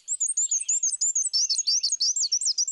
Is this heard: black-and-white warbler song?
yes